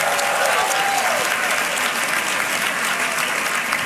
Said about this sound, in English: Give them another round of applause.